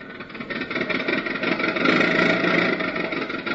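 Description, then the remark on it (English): A car engine runs steadily as Donald Duck's car barrels down the highway, a loud, continuous droning hum that holds for the whole stretch with slight surges in intensity, no voices over it. “So we find him all dressed up with his three nephews in his car, barreling merrily down the highway.”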